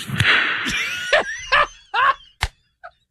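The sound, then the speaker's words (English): A single sharp, loud hand clap rings out near the end of an answer in an interview, following a series of short, strained vocal-like bursts over a hissy, noisy background. “I want to hear the answer and the clap again.”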